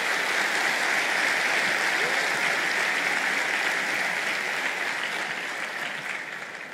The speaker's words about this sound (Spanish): Dar un aplauso a Jesús.